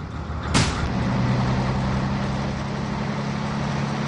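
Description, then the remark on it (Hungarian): A sharp clunk like a door closing, then the engine of a bus with two red lights hums steadily as the bus drives away, its low drone holding at an even level against broad road noise. No voices. “Két piros lámpa szem van az autóbuszon, ami egy cseppet sem kisebb, pedig csak összép szalad.”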